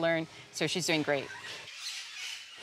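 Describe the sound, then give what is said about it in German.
Birds that a woman is learning to tame squawk in a quick burst of harsh, loud, raspy cries, one call followed by three or four more in rapid succession, before fading into soft background hiss. “Sie hat gerade erst angefangen zu lernen, wie man diese Vögel zähmt.”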